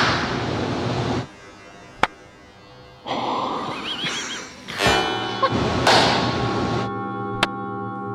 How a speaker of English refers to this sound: My favorite demonstration in this room, everybody knows what it sounds like to clap in a room, right?